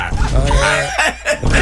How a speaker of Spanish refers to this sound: Would you bark for me? Oye. Good boy. I get, yeah, you know. Pero bueno, acá y esa ladra suena. ¿Y cuándo hay un perro que ladra?